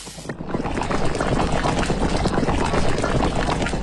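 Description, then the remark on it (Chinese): A steady, dense bubbling roar of water at a rolling boil in a pot, continuous, filling the whole stretch after a brief quieter start, with no voices; the water is being brought to a boil before fish is added. “等到水开，立刻下鱼。”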